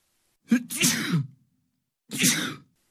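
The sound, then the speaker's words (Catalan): Two loud sneezes with a pause between them. The first starts with a short inhaled catch before a breathy, explosive burst, and the second is a quicker, sharp burst. “Atxim, amb un X, A-T-X-I-M.”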